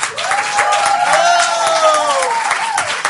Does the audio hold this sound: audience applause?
yes